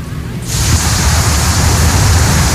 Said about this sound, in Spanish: Tenemos video de lluvecita, compadre.